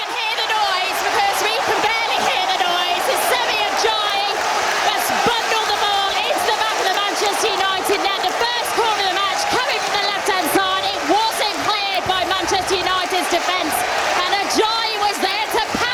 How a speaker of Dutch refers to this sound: Er was behoorlijk wat gejuich daar inderdaad. Wat wil je? 1-0 terug in de Premier League en gelijk na een kwartier al scoren.